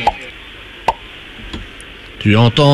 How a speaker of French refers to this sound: Tu n'entends toujours rien ? J'entends le tire-bouchon.